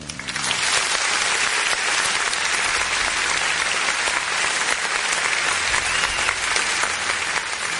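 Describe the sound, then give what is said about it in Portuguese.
A loud, steady applause sound effect played at the push of a button by a program's production crew to congratulate the Federal District Military Police, a dense wash of clapping that starts abruptly and holds at an even level for about eight seconds, with no voices over it. “Aplausos, parabéns aí pros nossos policiais, produção!”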